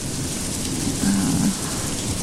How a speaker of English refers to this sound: Coming up in the background is Country Farm Storm record, and coming up.